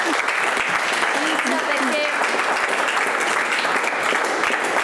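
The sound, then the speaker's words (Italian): Steady, dense applause from an audience, loud and continuous for the whole stretch, with a few faint voices and whoops rising through the clapping. “Un applauso.”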